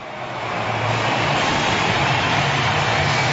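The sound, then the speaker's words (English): A dense, steady stadium crowd roar at the MCG as the Brisbane Lions football team runs out, led by Lachie Neale, swells over the first half-second, then holds as a loud, continuous wash of cheering with a low rumble underneath, and no clear voices stand out. “Listen to the roar.”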